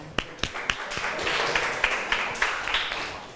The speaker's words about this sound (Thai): ขอเสียงปรบมือเป็นกำลังใจให้เพื่อนจากกลุ่มที่5ค่ะ